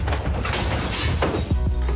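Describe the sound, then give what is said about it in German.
A car trunk lid slams shut hard, a loud metallic bang amid rattling and clattering, followed by a few heavy, low thuds near the end. No one speaks. “Aber macht langsam mit den hinteren Türen. Vor allem Kofferraum, sonst klingt's schnell so.”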